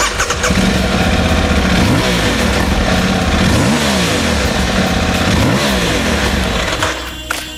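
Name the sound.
motorcycle engine revving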